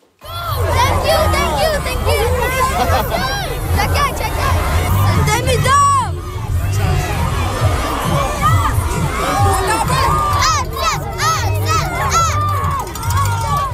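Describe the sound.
A crowd of children shouts and cheers nonstop, welcoming the Montreal Canadiens players in Trois-Rivières on the day of their game against the Ottawa Senators at the Colisée Vidéotron; a loud, high-pitched, schoolyard-like din of excited voices with shrieks rising above the babble throughout.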